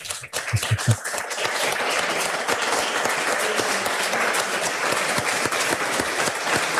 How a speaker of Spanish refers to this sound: Y yo creo que bueno, yo voy a pedir un aplauso si me oís. Un aplauso para el cronista de Riosa, por favor.